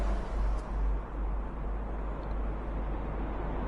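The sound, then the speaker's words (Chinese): A man starts a car and drives toward Qiaojia Road; the engine rumbles steadily at moderate volume, a low, continuous drone with faint mechanical texture and no voices, holding fairly even throughout rather than clearly starting up or fading away. “坐上明堂的汽车，发动汽车向乔家路方向驶去”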